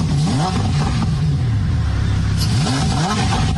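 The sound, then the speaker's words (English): A powerful Lamborghini sports car engine revs loudly, its pitch sweeping up and down in repeated throttle blips, with a deep, continuous rumble underneath and no voices. “That is not just the sound of a luxury Lamborghini's engine revving.”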